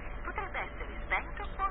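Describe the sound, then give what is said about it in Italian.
A short burst of narrowband telephone-line audio, a Vodafone free message: a muffled voice speaking through the thin, tinny filter of a phone connection at a steady, moderate level. “Vodafone, messaggio gratuito. Ah bene, Grizzly ha ucciso il telefono.”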